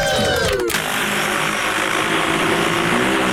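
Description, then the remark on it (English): Agricultural spraying drone applying fungicide in Wisconsin, its propellers whirring loudly and steadily, a dense buzzing drone with a pitch that slides down briefly at the start before settling into a constant hum. “That is a drone”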